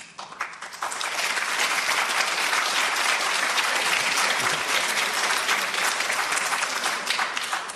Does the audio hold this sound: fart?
no